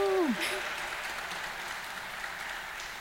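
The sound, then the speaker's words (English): An audience claps for a panel of speakers, steadily for about three seconds, a dense, even wash of many hands at moderate volume, with a brief trailing bit of a voice at the very start. “Can we have a round of applause for our wonderful panelists?”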